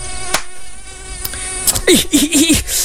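A mosquito's thin, high whine hums steadily, buzzing on and on for a long while, then grows louder near the end with a wavering, swooping pitch as if it darts past the ear.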